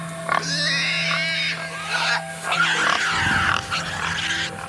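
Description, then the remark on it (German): Several very large, mold-covered pigs, tended by a herder in a cave full of mud and feces, grunt and squeal in a busy, overlapping chorus, with raspy snorts and higher squeals layered over a steady low hum, no talking. “Ein Hirte hütete eine Herde von gewaltig großen Schweinen, die über und über mit Schimmel überwuchert waren.”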